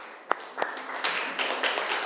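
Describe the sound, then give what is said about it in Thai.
A few scattered claps ring out, then a group of students in a class joins in with steady, moderately loud applause for a classmate who answered a question, filling the rest of the moment, with no one speaking. “ขอบคุณค่ะขอเสียงปรบมือให้เพื่อนหน่อยค่ะ”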